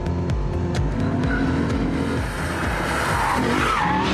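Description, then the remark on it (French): A loud RCF car engine roars and shifts pitch as it brakes hard, with electronic driving aids switched off, tires squealing and skidding through tight turns, the drone sustained with no talking over it. “On va aller voir comment ça se passe dans les virages serrés. Le freinage, il est juste diabolique.”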